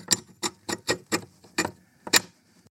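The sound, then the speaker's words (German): A rusty sliding bolt being pushed slowly aside to make the sound of a jammed door, giving a series of about seven short, scraping clicks at a halting, fairly even pace, the last one a bit harsher and louder. “Einen rostigen Schieberiegel oder Schlossriegel wirkt jedenfalls wahre Wunder.”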